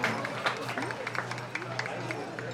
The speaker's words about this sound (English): All right, ladies and gentlemen, one more big round of applause for our veterans and our dancers and singers.